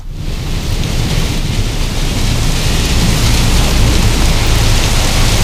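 Steady, heavy rain and wind pour down in a dense, unbroken hiss, with a low rumbling undercurrent suggesting a thunderstorm. No voices.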